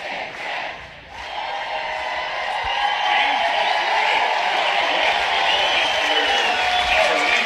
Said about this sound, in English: and now as the Huskers go through the handshake line, Hannah Kaur urging the crowd for noise, and they oblige. Nebraska's players all lining up to the left of the plate and listen to them.